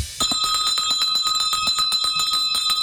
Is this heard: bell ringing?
yes